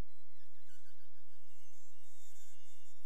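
A mosquito whines in flight, a thin, high-pitched drone that wavers slightly in pitch and holds steadily for about three seconds, with no talking.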